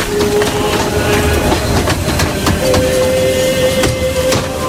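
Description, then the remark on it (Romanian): A train carrying deported men from Tighina and Lăpușna counties to Ivdel, beyond the Ural Mountains, rolls steadily along the rails, wheels clacking in an irregular rhythm over a constant loud rumble, with a thin metallic squeal drawn out above it. No one speaks. “După câteva săptămâni, trenurile cu bărbații ridicați din județele Tighina și Lăpușna au ajuns la Ivdel, un oraș situat dincolo de munții Orali, în apropierea paralelei 61.”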